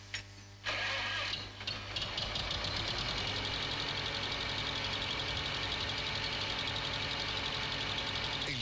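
A tractor engine cranks and catches after a brief quiet moment, then settles into a loud, steady, rumbling diesel idle with a rhythmic knocking that continues without pause.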